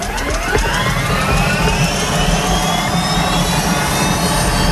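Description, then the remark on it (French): A Sécurité civile helicopter's turbine engine spools up at the La Vèze helicopter base, after refuelling, for the first departure of the day, which needs a longer warm-up. Its whine climbs steadily in pitch over a loud, constant roar and low rumble, with no voices throughout. “Maintenant que donc le plein de carburant a été effectué, que toutes les informations ont été prises auprès des sapeurs-pompiers du Jura et que les équipements, casques, baudriers ont été enfilés, il est temps de mettre en route l'appareil.”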